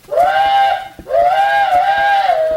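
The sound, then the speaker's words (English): A little old steam railroad switching engine, sitting by the mailbox out by the road and puffing and blowing off steam, gives two loud whistle blasts, a short one and then a longer one. Each has a bright, steady pitch with rich overtones and a slight upward swoop as it starts. “Well, sir, he went out to see what it was, and I gone as there's a little old railroad switching engine a-sitting right by the mailbox. It was a-puffing and a-blowing off steam,”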